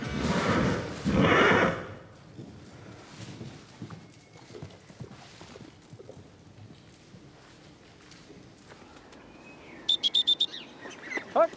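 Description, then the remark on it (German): A horse named Victor lets out a loud whinny at the start, followed by quieter rustling and scattered movement sounds, with a few short, high-pitched calls near the end. “Im Moment wirkt Victor jedenfalls sehr beruhigt, aber noch will ihn ja auch niemand satteln, geschweige denn reiten.”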